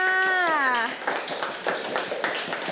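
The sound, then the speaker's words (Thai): A group of children claps steadily for a couple of seconds for a classmate who answered the teacher's question, a dense patter of many small hands, just after a woman's voice finishes speaking. “เก่งมากค่ะเอาปรบมือให้เพื่อนค่ะ”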